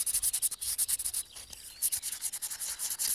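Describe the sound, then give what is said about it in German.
Rhythmic scratchy rubbing as a clay pot's surface is roughened, a rapid series of bright, hissy strokes with brief gaps, steady and moderately loud with no voices. “Von daher würde ich empfehlen, die Oberfläche leicht zu brechen oder aufzurauen.”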